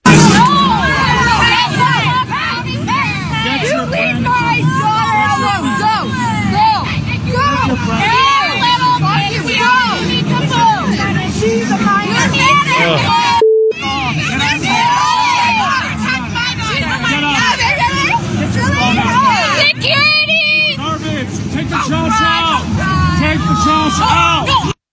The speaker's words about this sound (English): This is a recording that's been going around social media. Some of the crowd, including grown-ass men, harassing these 16-year-old girls, like calling them trash.